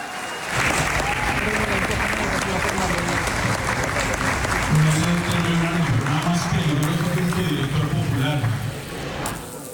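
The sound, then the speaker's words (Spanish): A conference audience in an auditorium applauds steadily for several seconds, praising Carolina Soto of the Banco de la República during a panel: a dense, continuous wash of clapping with voices audible underneath, fading slightly at the very end. “Si quiere, escuchemos cómo el auditorio del salón donde se están llevando a cabo las conferencias, pues la elogió en medio de aplausos.”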